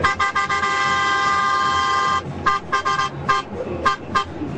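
A loud truck horn honks repeatedly, a few quick blasts, then a long sustained blare, followed by more short bursts over a steady engine rumble.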